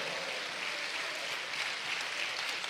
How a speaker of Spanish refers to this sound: Dale un aplauso al Señor por eso.